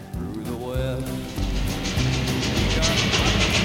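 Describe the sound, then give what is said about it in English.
A steam locomotive train rumbling along the rails with a steady clattering roar that swells slightly louder as it goes, with tonal, musical-sounding notes layered over the noise. “Let's heat this one up for a locomotive.”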